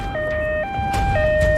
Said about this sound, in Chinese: 救护车快速穿行在车流中，不可避免的会遭遇拥堵。对器官协调员来说，遇到堵车是最焦虑的时刻。